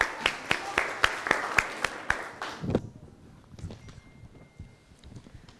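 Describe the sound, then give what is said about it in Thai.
A burst of audience applause with a few sharp, evenly spaced claps standing out over the patter, lasting about three seconds before stopping abruptly and leaving only faint murmuring, given for the student representatives of group 1 before their presentation. “เพื่อไม่ให้เป็นการเสียเวลาครับขอเสียงปรบมือให้กับตัวแทนกลุ่มที่1ครับ”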